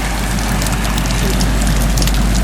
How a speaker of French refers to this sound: J'entends le ressac. Comment on appelle ça, le bruit des vagues de ressac ? C'est comment ? Quand c'est régulier, ça calme un peu. Là, par contre, là, il y a eu une grosse vague, c'est un peu plus fort.